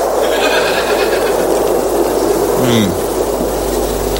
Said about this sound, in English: What about some retro analog synthesized ocean noises to calm us? I think we're all pretty calm, actually. It's kind of also like lunar wind.